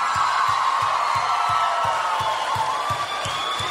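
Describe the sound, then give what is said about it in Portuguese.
A large crowd applauds and cheers loudly and continuously as a Brazilian sertanejo duo is invited to sing, with scattered whoops rising above the roar, while a steady low thumping beat pulses underneath. “Uma salva de palmas,”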